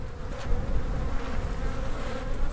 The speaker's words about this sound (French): Tiens, ça, c'est très beau, ça. Alors là, le cadre est presque couvert d'abeilles.